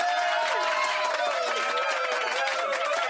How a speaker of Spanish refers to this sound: Muy bien, vamos entonces a continuar, pero vamos a dar un aplauso a toda la gente que está en sintonía de Club Retro Lovers.